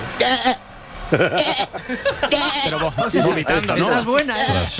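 Loud goat bleats repeat one after another, quavering and wobbling in pitch with a chuckling, stuttering rhythm that fills the whole stretch, from a goat that has got onto a city bus in Palencia, Spain.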